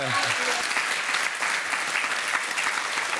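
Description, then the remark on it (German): Steady audience applause fills the space, a dense wash of many hands clapping at a consistent loud level, with a brief voice at the very start. “Da gibt's Applaus.”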